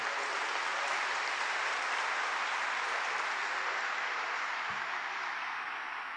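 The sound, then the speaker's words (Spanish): Sustained audience applause for Monsignor Víctor Tamayo, organizer of the Pope's visit, fills the whole stretch, a dense, steady wash of many hands clapping at even loudness, with no voices standing out above it. “Un aplauso para él.”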